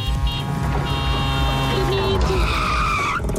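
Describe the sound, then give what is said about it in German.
A tuk-tuk sound effect played in a radio programme: a small engine buzzes and whines as it drives past, loud and steady, its pitched tones shifting and sliding before a brief rising sweep at the end. “Also immer wenn es Tuk-Tuk durchs Programm durchfährt”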